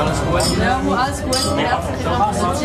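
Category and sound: household object, glasses clinking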